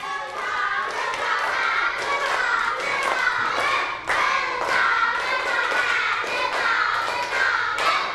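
A group of children clap their hands in loose bursts, with sharp overlapping slaps coming in waves over a steady wash of young voices and chatter throughout.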